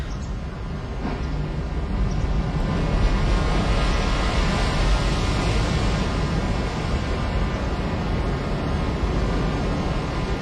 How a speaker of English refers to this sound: It's all with the sound of ocean, which I recorded in Fukushima in Japan.